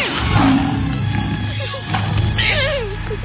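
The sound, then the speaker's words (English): A lion roars in deep, rumbling growls that fill the whole clip, fairly loud, with a few higher whining tones mixed in over the low roar. “It's a lion!”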